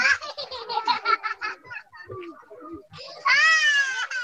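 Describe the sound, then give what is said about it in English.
Ambience at a new displacement camp in the governorate of Taz, Yemen: children's high-pitched voices in quick, choppy bursts like laughter or excited chatter, a lull, then a loud, sustained wailing cry from a young child. “Bottomley shared sound with NPR from one of the new displacement camps there.”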